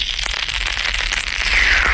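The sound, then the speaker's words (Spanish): Popping candy fizzing and crackling in the mouth: a dense, continuous stream of tiny sharp pops and snaps, steady and fairly loud for about two seconds, with no voices. “Cuyo sonido sonaba, pero es que te metías el caramelo en la boca, he dicho eso, pero es que este era el ruido que hacía el caramelo cuando te lo metías en la boca.”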